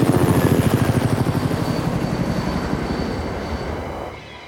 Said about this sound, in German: Zoe hört plötzlich den Hubschrauber.